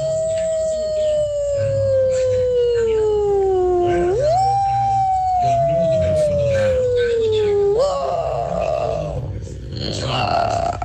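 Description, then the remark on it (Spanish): A person on Tropicana imitates, as a hidden talent, a she-wolf howling at midnight on a night of electric storm: two long, steady tonal howls that slowly slide downward in pitch, each ending with an upward jump, followed by rougher, strained vocal noise. “Mi talento oculto es hacer como la loba a medianoche, una noche de tormenta eléctrica.”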